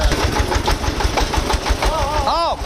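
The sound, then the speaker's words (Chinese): A tractor engine chugs steadily with a rhythmic, knocking low pulse throughout, while a voice briefly calls out near the end, as tractors are loaded at night with hay fodder to be hauled to a village. “注意到，后面上面往下滚，等拖拉机放到这儿，我们往下敲嘛。”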